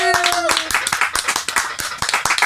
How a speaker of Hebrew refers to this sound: נו מחיאות כפיים!